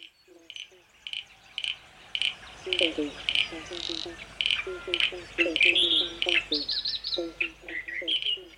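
A chorus of frogs calling, with repeated short, pulsing croaks in a low-mid register overlaid by higher chirps and trills, building to a steady, busy level throughout.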